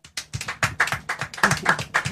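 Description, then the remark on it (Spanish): A small group applauds Malvinas war veterans in Argentina with quick, uneven hand claps that overlap into a steady patter, moderately loud, lasting a couple of seconds with no voices. “Aplausos, aplausos.”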